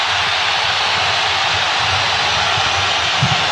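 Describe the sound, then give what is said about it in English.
A stadium full of Colombian football fans roars loudly and continuously during the second half of a match, a dense, steady wall of crowd noise that holds at the same level for the whole stretch without any break. “And that's the loudest roar we've had from the Colombian fans in the second half.”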